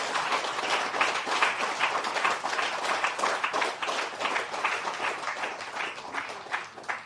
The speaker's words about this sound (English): Today, I ask you to correct that injustice and ingratitude by giving a huge round of applause to our men and women in uniform.